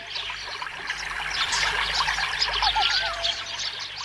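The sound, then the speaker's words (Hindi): Lakeside ambience: a steady wash of trickling water under a dense, continuous chorus of high chirping birds returning to their nests, with a few clearer whistled calls rising and falling midway through. “कैसी शांति है, पक्षी नीड़ों की ओर लौट रहे हैं।”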